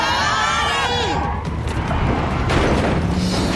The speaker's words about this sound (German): Hinter uns sieht es aus wie in einem amerikanischen Actionfilm. Quietschende Reifen, Blechschäden, gebrochenes Glas.